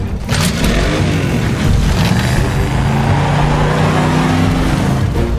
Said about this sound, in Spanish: Es un auto diabólico. Está en el jardín acechándome.